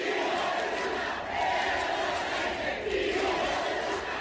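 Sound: crowd booing and shouting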